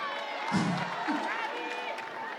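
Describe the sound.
A large crowd roars and cheers in a dense, steady wash of voices with scattered shouts and some clapping, loud and sustained throughout.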